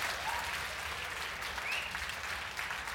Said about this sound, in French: On l'applaudit tous ensemble, s'il vous plaît, ne serait-ce que pour la félicité d'être née du bon côté.